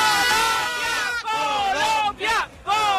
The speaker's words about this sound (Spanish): A ver, un grito de ánimo para Colombia antes de que empiece la segunda parte.